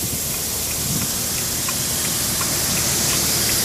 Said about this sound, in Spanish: Sí, es impresionante, ¿eh? Cómo corre el agua de pista a pista. Entonces hay que tener mucha precaución.